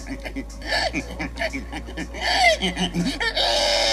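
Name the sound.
human imitating a pig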